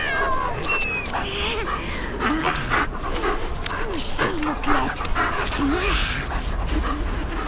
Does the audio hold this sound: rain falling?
no